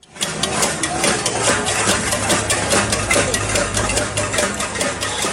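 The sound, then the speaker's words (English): Protesters in Cuba bang pots and pans in the street over fuel shortages, with rapid, irregular metallic clanging running steadily throughout over a dense wash of noise and a low rumbling hum. “That's the sound of protesters hitting pots and pans there in the streets.”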